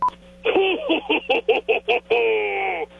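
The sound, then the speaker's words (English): A voice imitates touch-tone phone dialing: a short beep, then a quick, evenly spaced run of about eight tonal blips ending in one longer held tone, thin and phone-like, for a first-time caller phoning The Soper and Brown Show. “He finally picked up the phone to call the machine.”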